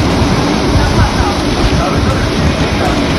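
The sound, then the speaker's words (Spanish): A storm in Alzira (Alsira), Valencia province, Spain: heavy rain pours in a dense, steady roar with gusting wind rumbling underneath, loud and continuous throughout with no pauses. “El sonido de hace tan solo unos minutos en Alsira, donde ya llueve con fuerza.”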